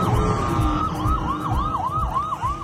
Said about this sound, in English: The sound of emergency sirens echoing across central Israel this morning, where a major manhunt is underway. A series of coordinated shooting attacks has left one man dead and five others wounded.